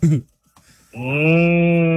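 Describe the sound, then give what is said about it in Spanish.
A cow gives a long, loud, steady moo with an even low pitch that holds to the end, preceded by a short grunting call and a brief pause. “Así la hace la vaca.”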